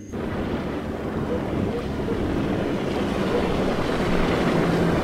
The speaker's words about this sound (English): No, that's a different boat. That sounds like... No. It couldn't be.